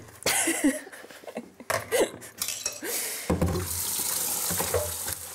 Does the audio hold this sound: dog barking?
no